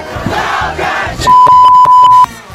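A crowd shouts in a loud, blended roar for about a second, then a steady high-pitched beep tone sounds over rhythmic, pulsing bursts of voices before cutting off.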